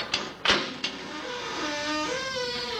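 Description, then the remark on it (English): A creaky gate opens: a few sharp metallic clicks, then a long, wavering creak that rises and falls in pitch at moderate volume, with no voices. “We'll have to go through this gate.”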